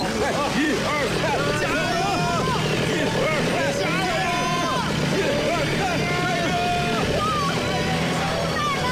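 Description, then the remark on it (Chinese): A motorcycle engine revs hard and steadily for several seconds as it pulls from the front with a tow line while people push from behind, its pitch wavering up and down as it strains under load, with voices shouting in the background. “好，我在前面用我的摩托车拉。”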